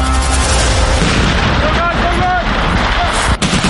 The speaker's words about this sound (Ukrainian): 4 травня. Південний схід Естонії. Місцеві жителі чують вибухи та постріли. Можна подумати, Росія почала вторгнення в Балтійську країну. Та всі спокійні, бо попереджені. Наступний місяць тут проходитимуть військові навчання «Весняний шторм».